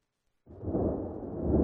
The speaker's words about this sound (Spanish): Escucha los truenos.